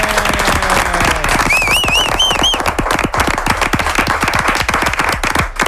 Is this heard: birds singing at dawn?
no